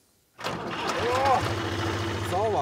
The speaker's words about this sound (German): Einmal Trecker fahren. Okay, Bauer Ludwig und sein Sohn Konrad fahren